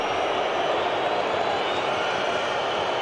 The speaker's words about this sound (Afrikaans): Die skare wat glad nie gelukkig is met wat hulle nou gesien het daar so nie.